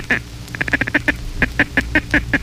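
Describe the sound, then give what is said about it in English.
A duck call blown in a chatter call: a quick run of short, clipped quacking notes, then a second run slightly more spaced, loud with no voices. “The chatter.”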